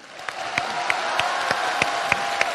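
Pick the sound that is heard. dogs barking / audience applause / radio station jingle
audience applause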